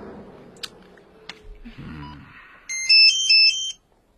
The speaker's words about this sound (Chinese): 哎，探头，你的手机。